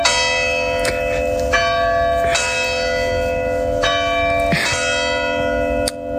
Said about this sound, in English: This is so awesome that the bells are going off right now.